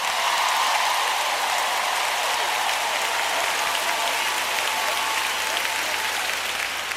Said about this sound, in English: All the needy people, clap your hands.